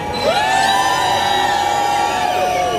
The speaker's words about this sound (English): Can someone please scream? I cannot hear you.